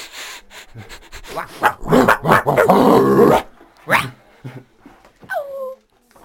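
Dogs growl and snarl in a rough stretch, followed by a single sharp bark and a short high whine, with no talking.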